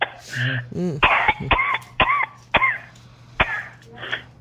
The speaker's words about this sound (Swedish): Oj. Hosta då igen.